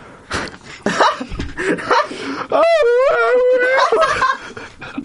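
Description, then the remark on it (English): A voice lets out a wavering, banshee-like wail, a banshee attack that is really singing, in a forest: a high sustained tone with heavy vibrato that slowly sinks in pitch, following a burst of excited vocal noises and chatter. “used a stunning banshee attack, which is really just her singing, and almost all of the crew were stumbling around dazed.”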